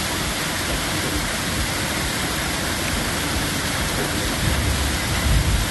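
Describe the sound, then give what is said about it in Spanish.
Heavy rain mixed with hail pours down steadily in a dense, hissing roar, with scattered sharper impacts, in the Coronel Olmedo area; the hailstones are not large. It is loud, with no talking. “a ver cómo está cayendo granizo ahí en la zona de Coronel Olmedo.”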